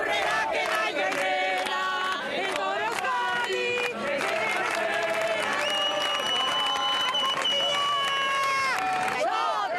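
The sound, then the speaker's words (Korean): A large crowd cheers and shouts on La Concha beach as village teams prepare to start a traditional race, a dense, loud roar of many voices layered with high, sustained calls and whistles that holds steady for the whole stretch. “경기가 펼쳐진 라콘차 해변은 이미 인산인해를 이루고 있었는데요.”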